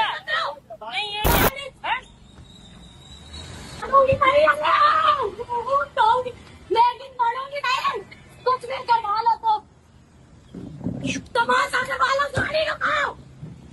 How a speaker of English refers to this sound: Hear the shouting by the lady in this particular video.